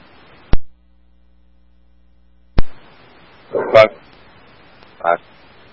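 A dog inside an apartment barks a few times, short muffled woofs, following a couple of sharp clicks.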